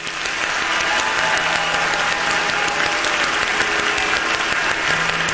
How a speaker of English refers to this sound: And then he goes, all right, Now we need the loudest clap you got. Come on.